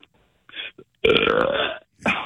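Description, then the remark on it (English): A single long, loud belch with a rough, gravelly rumble, preceded by a couple of small throaty sounds and followed by a brief vocal reaction. “Is there any way that you could give me a good belch?”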